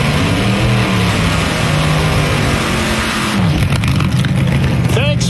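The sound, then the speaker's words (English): A vintage 1936 Ford car engine rumbles loudly, its low throb shifting partway through before it revs up with a rising whine near the end. “Would you fire that thing up, please? That 36 Ford over there.”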